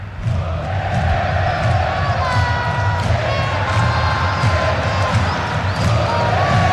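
A large stadium crowd of football fans chants "Olê, olê, olá, Bernardo" in unison, many voices rising and falling together in a sung, rhythmic refrain, loud and continuous with a dense roar of cheering underneath.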